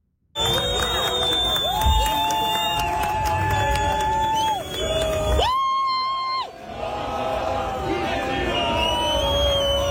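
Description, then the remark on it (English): A dense crowd of Turkish soccer fans cheers and chants in downtown Vancouver during the World Cup, with sustained whistles or horns and whooping shouts rising over the continuous roar, loud throughout. “Okay, World Cup fans from around the world are here, and Turkish soccer fans have been seen around downtown Vancouver, including when Turkey's men's national team arrived at its hotel earlier this week.”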